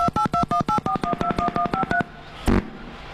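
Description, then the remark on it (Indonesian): A rapid series of about a dozen two-tone telephone keypad beeps in quick rhythm, followed by a short burst of noise like a line connecting, as an incoming telephone call comes through. No one speaks. “Bang, seperti sudah ada telepon yang masuk di sana, boleh kita ada. Angkat ya.”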